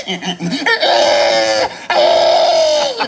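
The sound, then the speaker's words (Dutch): The winner of a pig-sound imitation world championship in Estonia mimics a pig with two long, loud, shrill squeals after a few short grunting snorts, the second squeal following a brief pause. “in Estland werd voor het eerst een wereldkampioenschap varkensgeluiden imiteren georganiseerd”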